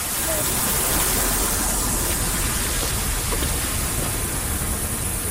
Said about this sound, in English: Like, so much of our childhoods are rooted in very distinctive sounds that we, you know, associate with childhood, like the sound of a sprinkler.